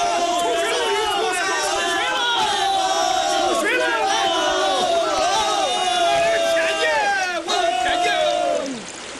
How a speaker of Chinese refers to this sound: 在干涸的纳尔图海子上，钻杆打到143米深的时候，终于打出水来。望着喷涌而出的水流，人们大声地欢呼着：“ 出水了！”